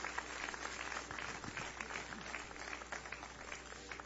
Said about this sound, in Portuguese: Podem tomar os seus lugares e exaltem o nome do Senhor Jesus com as suas palmas. Glória a Deus.